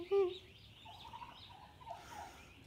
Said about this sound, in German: Das ist so süß, wie die sich freut, die Henne, ne? Echt so, also diese Geräusche und, also sie ist ja wirklich so, oh Gott, entzückend, meine Güte, komm.